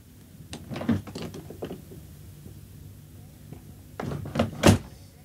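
A door to a room off a hall opens with a rattle of latch clicks as someone lets themselves in, then after a short quiet pause it swings shut with a few more clicks and a firm closing thud.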